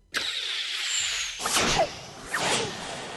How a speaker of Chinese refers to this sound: 嗖嗖嗖，三箭射出了城外。